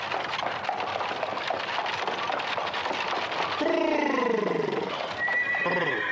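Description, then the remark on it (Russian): Horses are halted so they can be watered. A steady, rough rustle of hooves and movement gives way to a loud horse whinny sliding downward in pitch, followed by a second, shorter high neigh near the end. “Ось корниця, треба коні напувати, товарищ начальник.”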